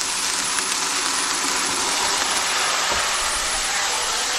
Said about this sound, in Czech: A jak slyšíte tu konvici, vodu používáme horkou.